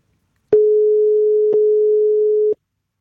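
A steady, fairly loud telephone line tone drones for about two seconds, with small clicks at its start, midpoint and end, on a call to a P4 Nästa Stjärna finalist who did not answer earlier. No one speaks.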